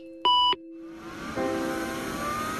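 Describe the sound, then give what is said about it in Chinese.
A single short, loud electronic computer beep rings out near the start, then gives way to a steady whirring hum from a computer that is never switched off, with no one speaking. “从不关机的电脑”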